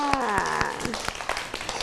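Children clap in a steady rhythm, about eight sharp, evenly spaced claps, with a voice speaking briefly under the first few before the clapping continues alone.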